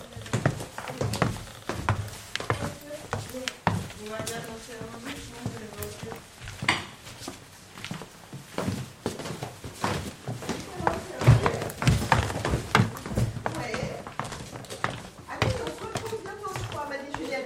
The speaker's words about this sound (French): En plus, cet escalier est bien parce qu'il grince bien.